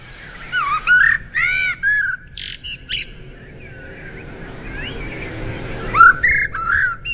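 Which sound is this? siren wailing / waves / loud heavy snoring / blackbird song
blackbird song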